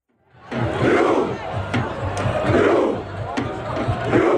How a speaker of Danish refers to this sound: Ja, der har ellers været norsk fodboldfeber hele sommeren, hvor ro kampråbet her også er gået hele verden rundt.